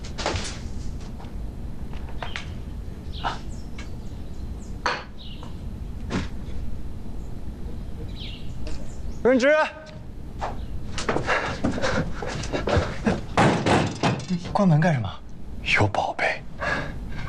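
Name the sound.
door being closed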